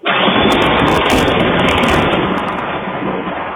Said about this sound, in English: Well, a viewer in Troy sent us that video you see there, a doorbell camera catching that incredible lightning strike and just how long it went there.